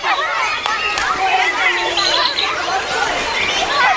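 Many voices chatter at once in a steady, lively outdoor hubbub in a park, with no single speaker standing out and the crowd noise holding an even level throughout.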